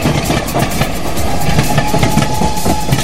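A train rumbles steadily along the rails with a rhythmic clickety-clack, a loud, continuous mechanical roar filling the whole few seconds with no voices.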